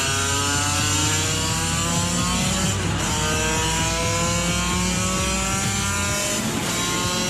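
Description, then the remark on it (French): A 35-year-old motorcycle's engine screams loudly as it accelerates along a straight, pitch climbing steadily with brief dips at gear changes, a continuous high-revving roar with no voices. “Ça n'en finit pas de prendre des tours.”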